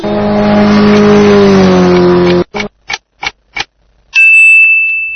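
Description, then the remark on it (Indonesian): A motorcycle engine revs loudly and winds down in pitch, then gives four short, evenly spaced throttle blips, followed by a steady high-pitched tone. No one speaks. “Jawalatun, sepeda motor.”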